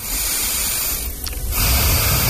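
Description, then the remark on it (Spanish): A radio show guest breathing audibly, a steady airy hiss that briefly thins out in the middle before a fuller breath returns, with no talking. “Quiero oír tu respiración, ¿cómo es la tuya?”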